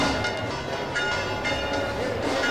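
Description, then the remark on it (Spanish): Church bells ring out continuously in Murcia as the procession of the city's patron, the Virgen de la Fuensanta, arrives; their overlapping tones form a dense, sustained clangor over a busy background murmur, loud throughout. “Suenan las campanas ya.”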